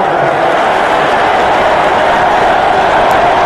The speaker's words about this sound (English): Shane Beamer's trying to whip this crowd into a frenzy here. He knows the students immediately behind State's offense are having an impact with their noise.